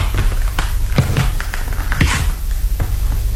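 Several footsteps walk at an unhurried, fairly even pace to a door, each a soft thudding tap, heard over a steady low background rumble with no voices.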